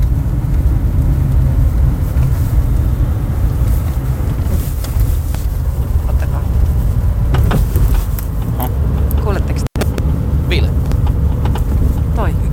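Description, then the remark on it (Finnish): A steady, loud low rumble of a car driving, with sharp knocking clunks from the rear axle that come and go, bunching up in the latter part as the car drives over bumps. “Se nakuttaa. Perässä selvästi tuossa taka-akselin.”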